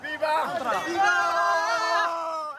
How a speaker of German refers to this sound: Tausende kommen heute über die Grenze. Migranten größtenteils aus dem benachbarten Marokko. Die meisten junge Männer und Jugendliche. Jubelnd laufen sie durch die Straßen Ceutas.